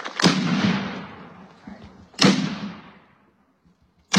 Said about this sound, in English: A three-cannon salute from the New Ulm Battery helped honor World War II Medal of Honor recipient Willibald C. Bianchi.